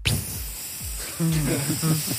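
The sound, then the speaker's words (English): A voice imitates a dog peeing on a spongy mat in the back of a moving car: a steady, breathy hiss runs for about two seconds, with low voiced hums creeping in over its second half. “He's weed in the back of the car after I'd spent 5 minutes on the side of the road”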